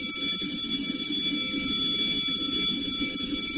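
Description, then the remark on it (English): A school bell rings loudly and continuously with a steady, shrill metallic clang, holding unbroken for several seconds over a low background murmur. “For some of you, that sound is still a week away.”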